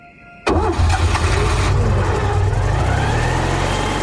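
A car engine cranks and catches with a sudden loud burst, then settles into a steady, low rumbling idle that continues to the end.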